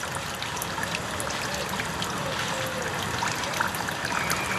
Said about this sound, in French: Ambiance au mois de juillet à la Coulonche, avec cris de rapaces, bruit d'eau qui coule près de la fontaine.